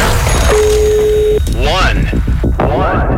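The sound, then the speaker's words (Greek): A single steady ringing tone on a phone line sounds for about a second, followed by a voice answering and people beginning to talk over the line. “Πρώτο χτύπημα.”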